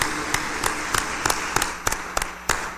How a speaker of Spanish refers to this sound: fuerte el aplauso de felicitación.